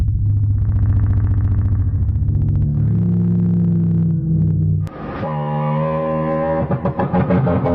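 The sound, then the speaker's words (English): A reconstructed T-Rex roar made by mixing a crocodile sound and a bird sound: a deep, throbbing, rumbling roar that rolls low for several seconds, then shifts abruptly into a louder, higher, harmonic bellow with a bird-like, reedy edge. “in order to have an accurate sound of what the T-Rex sounded like, you would have to mix a crocodile sound and a bird sound”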